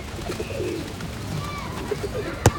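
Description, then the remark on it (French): Pigeons cooing in soft, low, rolling calls in a park against a busy outdoor background, with a sharp brief click or tap near the end. “Toudou regarde les arbres. Il regarde les pigeons.”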